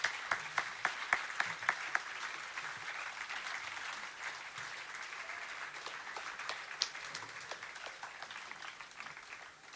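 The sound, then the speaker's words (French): An audience at a village festival breaks into applause for the volunteers and organizers, opening with several sharp individual claps before settling into a steady, dense wash of clapping that holds at an even level for the full stretch. “Bon, un super grand applaudissement pour tous les bénévoles et organisatrices.”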